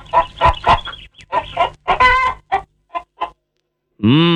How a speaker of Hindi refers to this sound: भाई आज की कहानी है एक मुर्गी और उसके छोटे से चूजे की। एक थी मुर्गी।